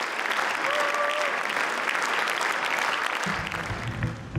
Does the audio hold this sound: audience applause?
yes